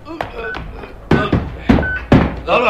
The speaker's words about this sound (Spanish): El teniente Harrison del FBI y tres soldados más quitan la pesada viga que cierra aquella puerta metálica.